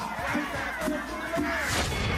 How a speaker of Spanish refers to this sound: A mi amigo Lauro, el próximo alcalde de Ancón. ¡Un fuerte aplauso para Lauro!